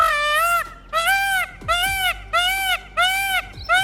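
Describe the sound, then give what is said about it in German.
Loud, harsh bird calls during mating season repeat in a steady rhythm, about five drawn-out nasal squawks with brief pauses between them, rich and brassy in tone, with no voices. “Sie klagen über Vogeldreck, Schäden an Autos und Häusern und Lärm, besonders in der Paarungszeit. Da klingen sie nämlich so.”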